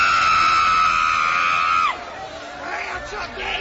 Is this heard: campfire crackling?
no